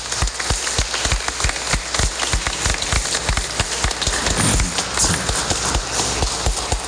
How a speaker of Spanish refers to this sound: Antes de la bendición, agradecemos a Dios por este aniversario de Radio Chortí y hacemos un aplauso a todos los que trabajan en la radio.